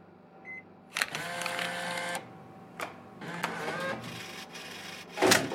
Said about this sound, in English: Come on, come on. Nice! Don't you love it when the vending machine gives you two for the price of one?